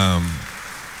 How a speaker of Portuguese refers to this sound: Mandar uma salva de palmas para quem está nos acompanhando lá em casa.